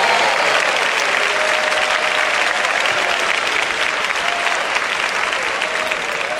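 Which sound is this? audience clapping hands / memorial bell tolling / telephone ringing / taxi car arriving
audience clapping hands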